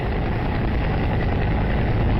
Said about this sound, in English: Let's play this video. There's the Huey helicopter coming in.